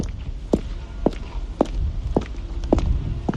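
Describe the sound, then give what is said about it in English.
Six steady footsteps walk at an even pace across a hard floor inside a large, echoing warehouse, each step a sharp, clear tap over a low background rumble. “Listening to my footsteps, you can get maybe an idea of how big this warehouse is.”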